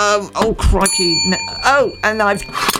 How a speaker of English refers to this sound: Why is there a bell?